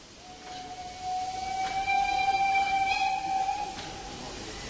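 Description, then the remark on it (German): A class 03 steam locomotive, being moved onto the coal track, sounds its whistle in one long, steady, piercing tone for several seconds over a broad background hiss of steam, with no voices. “Ja, wir werden jetzt die 03 hier aufs Kohlegleis fahren.”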